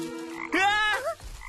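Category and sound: animal, frog croaking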